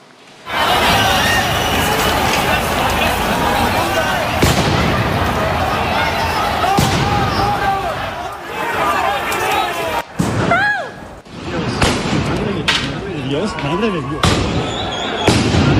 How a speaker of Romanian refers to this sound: Forțele de ordine au folosit gaze lacrimogene și gloanțe cu cauciuc după ce protestatarii au încercat să distrugă baricade, au blocat circulația și au aruncat cu pietre.